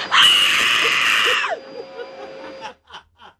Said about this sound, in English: Just give me the scream. Let me pretend she's going to start.